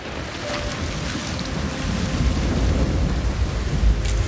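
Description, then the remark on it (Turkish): Deep, rolling thunder from a lightning storm in bad weather rumbles steadily throughout, swelling slightly louder toward the end, with a hiss like rain or wind layered over it and no voices. “Hava kötüydü ve yakıt hücreleri bozuldu. Elektrik sisteminde sorun yaşadılar. Elektrik sisteminden alevler çıkıyor. Muhtemelen yıldırım düşmüş olabilir.”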